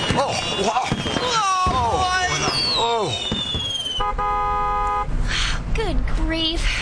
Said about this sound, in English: Nothing to be alarmed about. A stray spark just got under the canvas where the fireworks are stored, and they're all flowing at once.